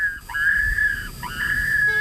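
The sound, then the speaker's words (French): An electronic wildlife-deterrent beacon, installed by SNCF Réseau along a railway line in the Pays de la Loire, France, gives two sustained, high-pitched, non-evocative electronic tones, each opening with a quick upward swoop and holding steady, over a faint low rumble. “Ce sont des sons électroniques, comme celui-ci.”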